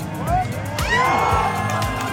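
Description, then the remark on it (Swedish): A crowd at an outdoor big screen in Norrköping, Sweden, cheers Sweden's 5-1 goal against Tunisia, a loud, continuous wall of overlapping voices with rising whoops and shrieks cutting through, sustained across the whole two seconds without a break. “Jubel vid storbild utomhus när Sverige gjorde, ja det var väl 5-1 målet där tror jag mot Tunisien.”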